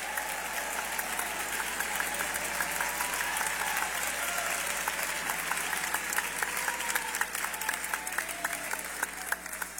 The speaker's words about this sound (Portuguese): Podeis assentar e glorificar a Deus com palmas. Todos, todos, todos. Todos glorificando a Deus com palmas.